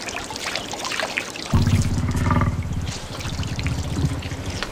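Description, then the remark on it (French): Water laps and trickles softly as a woolly mammoth drinks by the Lena River, then a louder gurgling pour starts a third of the way in and carries on steadily to the end, with no voices. “Ah, ça doit être notre mammouth laineux qui se désaltère.”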